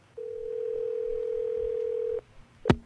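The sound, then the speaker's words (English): A single long, steady ringback tone sounds over a phone line for about two seconds as Rick Dees's radio show calls a listener in Pensacola for the Weekly Top 40 Challenge, then stops and is followed by a sharp click like a receiver being picked up. No one speaks. “It's ringing right now in Pensacola.”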